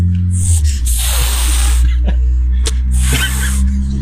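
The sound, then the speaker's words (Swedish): An animal hisses and spits: two long, breathy hisses with a short sharp spit between them, over a steady low background hum. Nobody speaks. “Ja, de spottar och fräser, men att de blir nog kompisar sedan.”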